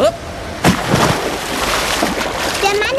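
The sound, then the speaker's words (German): A sudden heavy splash, like someone jumping into water, followed by churning, sloshing water that continues for a couple of seconds, with a brief voice near the end. “Ist ins Wasser gesprungen.”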